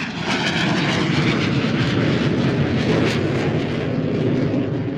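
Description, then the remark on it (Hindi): A small propeller airplane drones loudly and steadily overhead, its engine roaring with a dense, rumbling buzz that holds constant throughout, with no voices. “फिर भी निरंतर अभ्यास के कारण वो इन छोटे विमानों को भी उड़ाने में सिद्धहस्त हो गए थे।”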